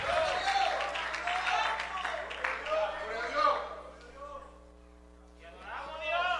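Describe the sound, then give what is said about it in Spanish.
An audience claps loudly for a few seconds, giving applause to the Lord, the applause mixed with shouting voices and a steady hum, then fading into quieter murmuring before voices rise again near the end. “Alguien le da un fuerte aplauso al Señor, aleluya.”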